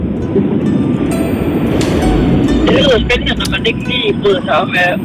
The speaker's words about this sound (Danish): nu kan jeg høre, du sidder i bilen. Forestil mig, du bruger mange timer der.